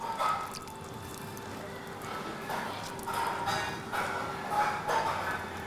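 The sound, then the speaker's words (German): Water is dabbed or splashed onto plastic that heats up as it cures, to cool the spot, with a few irregular wet bursts and drips over a steady background hum, and no one talking. “Deshalb kühlt Sarah die Stelle mit Wasser.”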